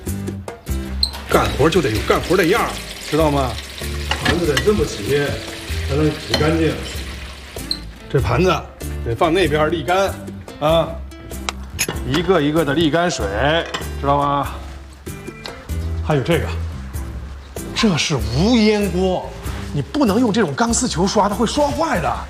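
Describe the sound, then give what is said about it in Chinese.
Dishes and plates being washed in a sink, with intermittent clinks and clatter and some running water, heard beneath a person talking almost continuously while showing how to wash the plates and set them aside to drain. “盘子得这么洗，才能洗干净。这盘子得放那边沥干，啊，一个一个的沥干水，知道吗？”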